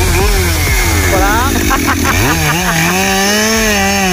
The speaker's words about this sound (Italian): Questa è una nuova ossessione. Ma a me mi fa pensare proprio a un motorino che sta per pinnare. Truccato.